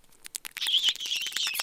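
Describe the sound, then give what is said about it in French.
A gerbil kept in a cage at a school gives high-pitched squeaks that start as a few quick separate chirps, then run together into a dense, continuous twittering. The sound is thin and fairly quiet, with no voices. “Aujourd'hui, on va interroger une gerbille pour voir ce qu'elle en pense.”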